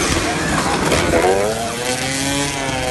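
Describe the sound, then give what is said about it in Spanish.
Loud, continuous roar of motorcycle engines racing past during a race in the Dominican Republic, with a high whine that climbs and shifts in pitch as the bikes accelerate around the track. “vamos a República Dominicana, donde se desató una pelea entre dos motociclistas durante una carrera.”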